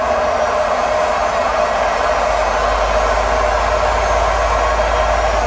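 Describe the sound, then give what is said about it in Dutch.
A washing machine in a house in France in its final high-speed spin, giving off a steady, loud whirring roar with a deep low hum underneath that holds constant throughout, with no voices. “Dit zijn de laatste loodjes van de wasmachine in ons huis in Frankrijk.”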